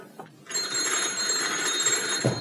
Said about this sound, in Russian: Телефон? Телефон.